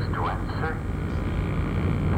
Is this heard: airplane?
yes